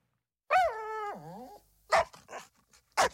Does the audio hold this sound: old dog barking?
yes